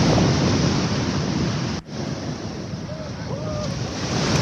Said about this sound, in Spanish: Esto en Lipimávida, en la zona cercana de Michoacán, hacia la costa, digamos. Impresionante. Como se escucha el sonido del mar.